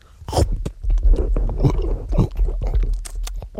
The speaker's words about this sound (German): Sehr zäh. Ja, nun. Ja, und man kann gar nicht richtig abbeißen irgendwie